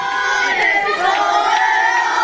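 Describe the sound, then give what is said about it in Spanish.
A crowd chants "campeones" in the streets of Spain, a loud, sustained roar of many voices, with rhythmic swells and occasional cheers rising above the mass of sound. “¿Cuántas veces escuchó ayer este grito por las calles y las ciudades de toda España, donde el punto, el epicentro fue Estados Unidos, Nueva York?”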